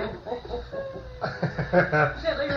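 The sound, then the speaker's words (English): A pet bird in the room calls with a run of short clucking, chattering notes, moderately loud, mixed with some voice-like sounds. “I knew there was something bird. Coming.”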